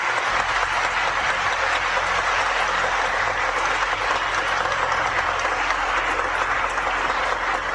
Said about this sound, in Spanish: Excelentísimo señor Pedro Vázquez Villalobos, octavo arzobispo de Antequera, Oaxaca. Excelentísimo señor Luis Alfonso Tutum, obispo auxiliar de Antequera, Oaxaca. Un fuerte aplauso para nuestros queridos pastores.